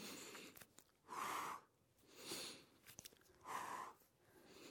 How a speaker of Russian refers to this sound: Раз, два. Раз, два. Мы тоже дышим. Правильное дыхание.